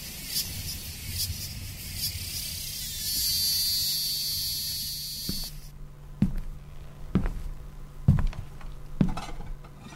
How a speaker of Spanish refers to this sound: ¿Lo despertaron los cantos de las cigarras? Oh, no pude pegar un ojo en toda la noche.